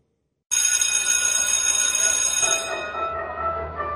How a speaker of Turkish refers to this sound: Oh, ne güzel çalıyor değil mi? Ya insanın içine huzur veriyor. Anne babaların bu ara en sevdiği parça okul zili.